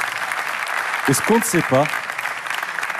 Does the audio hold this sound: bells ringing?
no